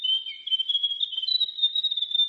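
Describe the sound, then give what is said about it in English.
A grey warbler sings a thin, very high-pitched, unbroken warbling trill that wavers and steps slightly up and down in pitch, steady in loudness, with no voices. “The Grey Warbler.”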